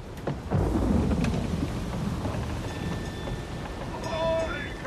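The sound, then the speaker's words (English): A thunderstorm at sea around a ship in rough waves: heavy thunder rolls in and rumbles loudly over steady pouring rain, with the deep roar sustained for several seconds and a faint high creak near the end. “Is the storm going to break us?”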